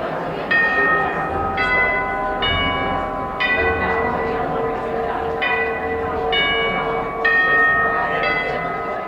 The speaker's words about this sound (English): When the chimes ring in the lobby of Heinz Hall, concertgoers pretty much know what to expect.